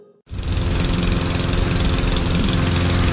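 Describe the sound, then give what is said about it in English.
A lawn mower engine kicks in abruptly after a brief quiet moment, then runs loud and steady with a rough, buzzing drone until the end, with no voices. “Instead of fixing that mower, why don't we just call J&I Services?”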